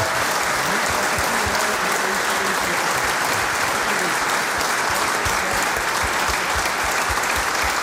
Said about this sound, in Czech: No, samozřejmě děkuju za aplaus, ale pro mě to bylo strašně jednoduchý.